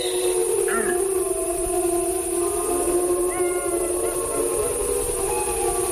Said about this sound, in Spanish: Bueno, yo creo que estos son lobos adultos los que hacen estos aullidos así graves. Lo hacen para comunicarse con otros de la manada. Y lo que suelen provocar estos aullidos de los adultos es la respuesta de los jóvenes y los cachorros.